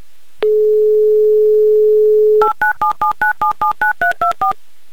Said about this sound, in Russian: Ну а прямо сейчас я набираю ваш номер. Так, номер мы набрали. Будем ожидать соединения. Давайте попробуем перенабрать.